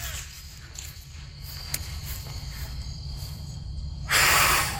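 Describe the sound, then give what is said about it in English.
A child blows a single strong puff of air, a breathy rush near the end that follows a few seconds of quiet background hum. “And we took a dandelion and we tried to blow off all the seeds, but only one side would come off.”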